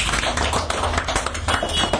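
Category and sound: crowd, clapping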